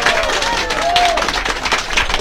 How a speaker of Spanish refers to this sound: a quien vamos a recibir con fuertes palmas, que se escuchen esas palmas en todo el Perú y el mundo.